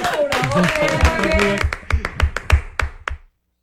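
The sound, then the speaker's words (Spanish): Excited voices talk briefly on a set after a take is called cut, then a short burst of applause for the production crew follows: roughly a dozen sharp, uneven claps from a few people, fairly loud, ending abruptly into silence. “¡Vamos, un aplauso para la producción!”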